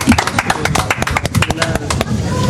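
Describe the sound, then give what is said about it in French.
A small group of studio guests on Sud Radio, on the terrace of the Théâtre des Vents, claps steadily, a dense, crackling burst of applause that keeps up for a couple of seconds and eases slightly at the end, with faint voices mixed in. “Vous pouvez vous applaudir.”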